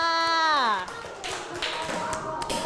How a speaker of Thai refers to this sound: เยี่ยมมากเลยปรบมือให้ตัวเองค่ะ